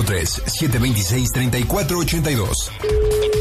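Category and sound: signal or alarm, telephone keypad dialing tones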